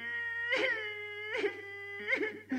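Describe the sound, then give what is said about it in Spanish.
A voice wails in loud, exaggerated sobs, three long drawn-out cries with breaking, wobbling pitch, theatrical, with no words spoken, as someone laments that their food provisions are being eaten. “¡Se me fue la risa y me entró el llanto!”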